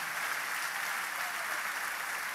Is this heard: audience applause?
yes